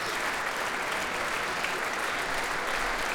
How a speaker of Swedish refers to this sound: Det blir en runda till för Emilia Hoving som nu tar sig upp på dirigentpulten och i samma steg reser på orkestern ytterligare en gång för att ta emot publikens jubel här i Berwaldhallen i Stockholm.